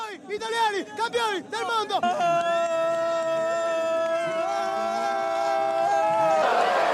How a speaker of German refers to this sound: Zur gleichen Zeit im Circo Massimo in der italienischen Hauptstadt. Hunderttausende feierten an der Sportstätte des alten Rom ihren neuen Helden. Und diese Bilder zeigen, was Fußballglück bedeutet.